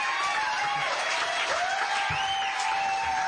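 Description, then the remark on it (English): A large audience applauds Jesse Williams steadily, dense clapping filling the sound with scattered whoops and cheers rising over it, loud and continuous throughout. “Yeah, one more big round of applause for Jesse Williams.”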